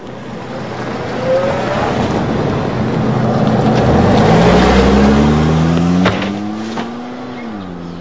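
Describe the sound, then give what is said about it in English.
A car pulls away from a diner, its engine note climbing steadily in pitch as it accelerates, loud over a constant rush of road and wind noise, with no voices. “She goes to the diner and watches from the window as he pulls away.”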